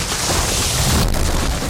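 A yard tree being cut down crashes onto a car: a steady rush of rustling, crackling noise with a deep rumbling thud, then a sharp crunching hit about a second in. No voices.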